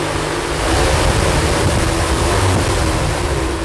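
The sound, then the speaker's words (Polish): A loud, steady roar of strong wind from a hurricane simulator, operated with a pedal like a gas pedal, blasting without pause, dense rushing noise with heavy buffeting and rumble, drowning out everything else. “Huragan się obsługuje niczym rower elektryczny.”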